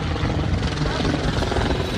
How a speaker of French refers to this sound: Puis un hélicoptère survole la plage. Quand on habite à LA, c'est aussi un son dont on devient familier.